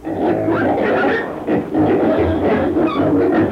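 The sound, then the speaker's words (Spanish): Several pigs grunt and squeal, a loud, steady overlapping chorus of rough snorts with brief dips, and no talking over it. “¿Y esos chanchos, pagrenes?”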